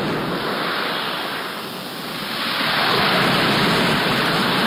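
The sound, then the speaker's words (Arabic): Ocean surf rushes steadily onto the shore, a dense continuous wash that dips slightly, then swells louder as another wave breaks. No voices are heard. “تأمل معي البحر بأمواجه وأحيائه، تجده آية من آيات الله وعجائب مصنوعاته”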